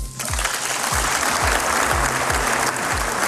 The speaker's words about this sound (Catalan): Amb una ovació, així ha acabat el discurs del primer ministre del Canadà a l'Eurocambra.